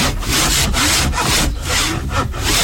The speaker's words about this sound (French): La lime, la râpe. Tu dégrossis là, là, et après à la ponceuse, enfin à main, tu viens comme on a fait la dernière fois.